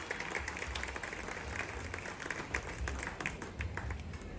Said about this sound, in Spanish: Un aplauso a todos ustedes de la Unión.